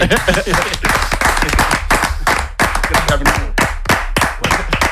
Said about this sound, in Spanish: en el otro lado del estudio, muchas veces hace una cosa que yo creo que deberíamos hacer todos. De repente se pone a aplaudir.